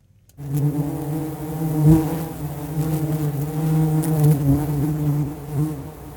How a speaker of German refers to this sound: Und? Erkennen Sie das Geräusch? Es ist das Summen von Bienen vor ihrem Bienenstock.